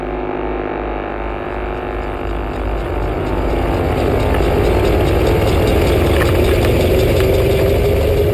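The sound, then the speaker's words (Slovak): A car engine runs steadily as people are seated in the car, a loud, continuous low rumble that holds an even drone throughout with no voices over it. “Posadili nás do auta.”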